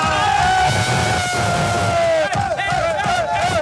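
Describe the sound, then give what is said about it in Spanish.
A group of football players shouts and cheers loudly together, interrupting their coach's press conference: a dense, boisterous roar of overlapping yells and whoops that fills the whole moment and is sustained. “Un técnico interrumpido na rolda de prensa polos seus xogadores.”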